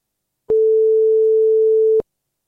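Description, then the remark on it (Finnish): A single steady ringing tone from an outgoing phone call placed by Radio Voima to a listener, one clear mid-pitched beep lasting about a second and a half, heard alone and fairly loud through the line. “Ja soitetaanpa tästä yhdelle vastaajalle. No niin, kokeillaan vaan, vastaako hän puhelimeen.”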